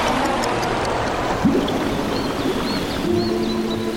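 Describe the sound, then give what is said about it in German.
A deep, wild forest stream rushes steadily with a dense, unbroken wash of flowing water, while faint bird chirps flicker high above in the background. No one speaks. “Wir sind am Ufer eines Baches gelandet, mitten in einem Wald. Der Bach sah tief aus und ziemlich wild.”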